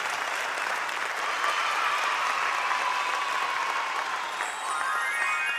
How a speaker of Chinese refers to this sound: 谢谢，感谢感谢大家的掌声，相关拢有收到啊！